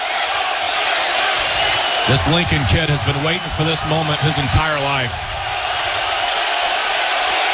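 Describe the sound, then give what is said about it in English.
A loud, steady roar from a packed stadium crowd at a baseball game fills the whole stretch, with an announcer talking excitedly over it partway through. “I've never heard this place this loud.”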